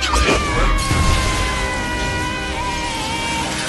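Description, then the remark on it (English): A loud crash of the Great Hall's towering glass windows imploding as Bellatrix makes a sweeping wand motion, a dense burst of breaking noise with bright ringing tones that carries on steadily for several seconds. “With a sweeping wand motion, Bellatrix implodes the Great Hall's towering windows.”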